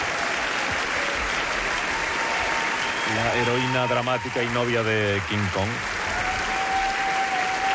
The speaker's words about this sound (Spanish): Sí. Fuerte aplauso